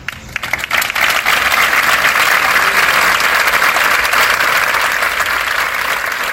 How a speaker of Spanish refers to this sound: Con estos aplausos han concluido los minutos de silencio que a mediodía han tenido lugar en diferentes concentraciones.